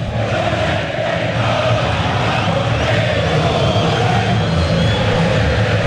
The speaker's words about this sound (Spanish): mientras aparece Peñarol al campo de juego, también los que faltaban para seguir haciendo la entrada precompetitiva, con aplausos de su gente